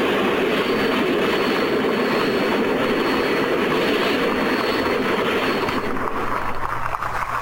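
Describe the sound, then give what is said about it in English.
The gas turbine engine of the Turbine Experimental, a Paxton side-mount turbine race car, whines steadily and loudly, a dense jet-like roar with a sustained high-pitched tone riding on top, shifting slightly in character near the end. “That was the sound of the Turbine Experimental.”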